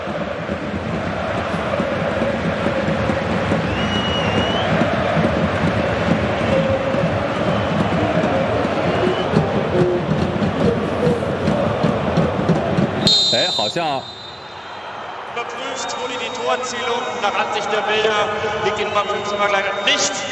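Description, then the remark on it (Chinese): A dense, steady roar of a stadium crowd cheering as a goal by Tabaković for Borussia Mönchengladbach is ruled valid after a VAR review overturns the offside call fills the first two-thirds, then abruptly drops to a quieter stretch with sustained, tonal horn- or chant-like sounds. “哦，现场的欢呼声应该是出现了改判，塔巴科维奇已经开始脱衣庆祝了，虽然会以一张黄牌作为代价，这个进球是有效的，并没有越位”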